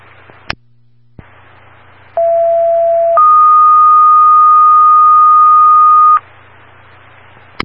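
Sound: dispatch pager alert tones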